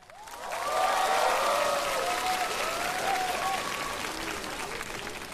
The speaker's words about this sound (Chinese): 我们掌声欢迎…和他的帮唱嘉宾…。